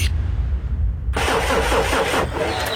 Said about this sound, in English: car won't start. Looks like it's pulled a sickie.